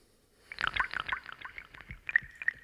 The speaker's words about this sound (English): Drop. Drip. Drop. All we need is a drip and a drop.